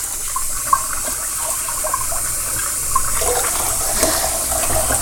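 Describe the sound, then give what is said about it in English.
Cold water runs steadily from a faucet, a continuous hissing splash with occasional brief spatters, filling the whole stretch without any voices. “Time to run the cold water on these bad boys.”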